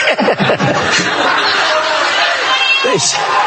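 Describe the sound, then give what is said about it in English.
An audience member shouts "one more year" from a loud, steady crowd murmur, with a brief second cry near the end, the noisy hubbub of many people filling the whole stretch. “Somebody shouted one more year.”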